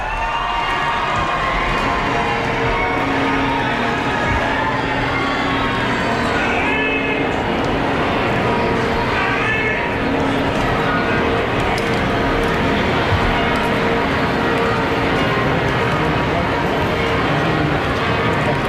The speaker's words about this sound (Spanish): Las campanas de la Catedral de Barcelona, ya las repicando. Que también es música, como comentábamos ayer en la Almudena, y en fin, en todos los lugares sagrados, en todos los templos, siempre tenemos ahí esa música.